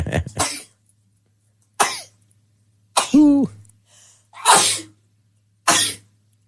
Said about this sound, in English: Oh, she's sneezing. We lost her.